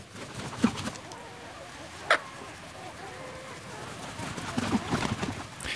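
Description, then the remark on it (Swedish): Still, windless night at Björköby in Ostrobothnia, Finland, during the first dark hours of a May night. Sparse bird calls, a few short chirps, rise from a soft, steady background, with brief sharper clicks and faint sounds scattered through. “Så här lät det på en av våra sändningsplatser vid Björköby i Österbotten i Finland under sändningens första mörka timmar.”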